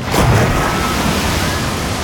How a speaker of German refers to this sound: Also ich hab soeben dieses Wasserplatschen gehört, oder? Dieses Geräusch hier. Moment.